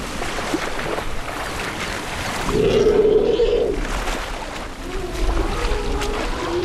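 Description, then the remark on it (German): Elephants slosh and splash steadily through swamp water in the Okavango Delta, pushing through the vegetation and plucking grass tufts with their trunks, with a low, droning rumble rising briefly in the middle of the continuous wading noise. “Mit ihrem Rüssel zupfen sie Grasbüschel am Wegesrand und arbeiten sich mit vollem Körpereinsatz durch den Sumpf.”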